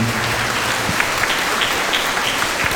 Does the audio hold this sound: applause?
yes